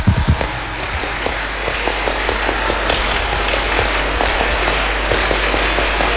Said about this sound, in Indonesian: Karena ini semuanya pakai baju pramuka, apa? Pasti tahu dong ya. Dua kali tepuk pramuka.